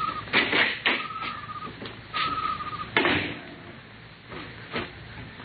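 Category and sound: household object, door opening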